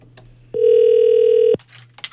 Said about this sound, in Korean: 신호가 갑니다. 언니는 지금 아무것도 모른다는데. 받았으면 좋겠는데. 자, 신호는 갑니다.